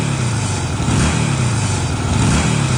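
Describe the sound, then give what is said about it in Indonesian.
A new custom motorcycle's engine revs loudly, its throaty rumble rising and falling in steady pulses for a few seconds with no voices over it. “Hei, motor baru nih bos, custom lagi.”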